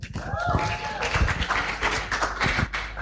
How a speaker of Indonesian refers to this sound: Langsung saja hadirin pemirsa dan pendengar, mari kita sambut dengan tepuk tangan yang meriah,